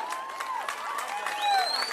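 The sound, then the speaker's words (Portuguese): An audience at a sertanejo music performance claps steadily in a dense, continuous wash of applause, with a few high whistles and cheers rising above the clapping. “Uma salva de palmas, vocês foram foda.”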